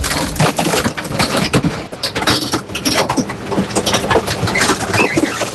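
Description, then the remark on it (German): The bulky-waste compactor on an ESB garbage truck in Bocholt crushing its load on a Tuesday morning: loud, continuous grinding and creaking, dense with sharp cracks and splintering snaps throughout, with no voices. “Es ist die Sperrmüllpresse auf dem LKW des ESB in Bocholt.”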